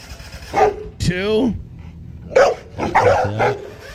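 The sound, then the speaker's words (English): A dog barks and yips several times in short, excited bursts, fairly loud, with one drawn-out whining bark in the middle, as its owner chases it. “in full redneck fashion, chases his dog with.”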